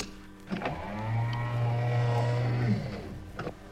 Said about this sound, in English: Close the sound doors, will you?